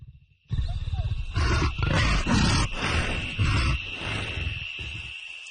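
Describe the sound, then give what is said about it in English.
A leopard, circling a house through the night after missing a kill, gives a run of loud, rough, coughing grunts in quick, uneven bursts, low and rasping, over a thin steady high whine that holds throughout. “One long, tense night, a leopard circled our house, coughing without pause after it missed a kill.”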